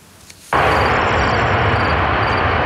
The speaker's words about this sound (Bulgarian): Изтребителите МиГ-29, които изпълняват така наречената мисия Air Policing по охрана на българското небе, в момента са с удължен летателен ресурс до 2028 година.